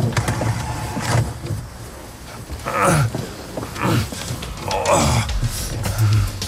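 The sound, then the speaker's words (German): Someone inside a locked car repeatedly yanks on the door handle, producing a series of clunky mechanical rattles and thuds spread over several seconds, with no talking. “Das Auto ist abgeschlossen. Wie kommen wir da jetzt raus? Geht die Tür echt nicht auf?”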